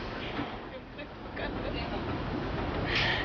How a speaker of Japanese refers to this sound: さあそして今エンジンがかかって、あー逆走し始めてます。スイッチバックした。こんなトンネルの中で初めての経験ですね本当に。